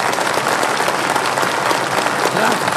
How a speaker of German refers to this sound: Es war ein Erfolg. Hör nur, wie sie jubeln.